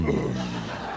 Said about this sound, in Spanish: Pequeño eructo.